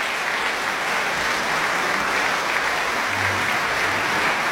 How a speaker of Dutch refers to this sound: Ze komen nog een keer op voor het applaus van het publiek hier voor de pauze in ontvangst te nemen.